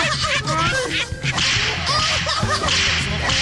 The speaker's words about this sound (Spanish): Dice que mandemos unos latigazos bien perrones para todos los mencionados y sus respectivas risas. Ahí les van.